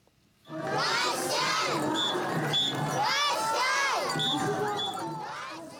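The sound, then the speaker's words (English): A large, dense crowd at the Sakata Festival parade of ornamental floats in Sakata City, Yamagata Prefecture, northeastern Japan, cheering and shouting, with many high children's voices calling out over a steady roar, loud and continuous after a quiet start, easing off slightly at the end. “We take you now to northeastern Japan, where a parade of ornamental floats has drawn crowds to Sakata City in the prefecture of Yamagata.”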